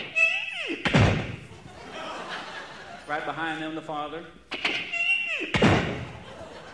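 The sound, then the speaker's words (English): A door swings open with a rising creak and thuds shut, twice, each thump loud, while a man talks between them. “They open the door and go in.”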